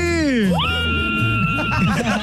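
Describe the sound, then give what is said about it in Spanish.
A loud, sustained celebratory scream from a woman who has just won tickets, swooping up and holding a high shrill pitch for over a second, then breaking off into excited shouting and crowd noise. “Échale ese grito fuerte”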